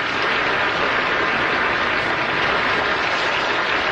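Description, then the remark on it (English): Sustained, loud applause from a large crowd for a singer, a dense, steady wash of many hands clapping that continues without a break for the whole clip, with no voices standing out. “Applause.”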